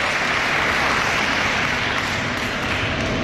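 Sustained audience applause, a dense, steady wash of many hands clapping at an even loudness for a few seconds, with no voices standing out.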